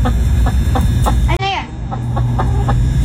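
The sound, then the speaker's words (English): Chickens cluck in a played video as children chase them, a steady series of short calls broken midway by one louder rising squawk, then the clucking resumes over a low, continuous background rumble. “Grandbabies out chasing the chickens.”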